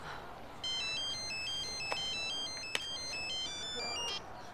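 A phone ringtone plays a repeating melodic electronic tune of bright tones, steady and fairly clear over faint background noise, with a couple of brief clicks; no one speaks.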